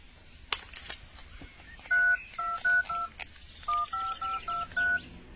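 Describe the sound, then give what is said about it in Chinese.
A phone keypad being dialed to call someone and arrange a meeting: about ten short dual-tone beeps in two quick bursts, clear, with a faint click and soft background noise before the dialing begins. “我这就打电话约他见面。”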